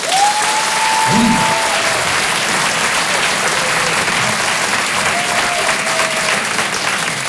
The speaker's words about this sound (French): Et qui se fait lécher par son meilleur ami? N'applaudissez pas! Je veux pas savoir, je veux pas savoir.